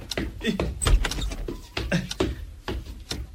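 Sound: door being opened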